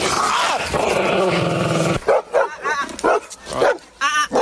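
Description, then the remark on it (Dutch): A dog snarls with a long, rumbling growl, then breaks into a series of sharp, loud barks and yaps in quick bursts, aggressive-sounding. “Waren dat inderdaad van die lieve honden die we net hoorden?”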